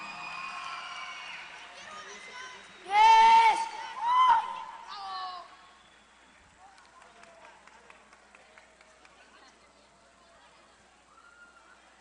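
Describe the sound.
A crowd claps and cheers, with two loud shouted whoops near the middle, then the applause thins to scattered claps and dies away.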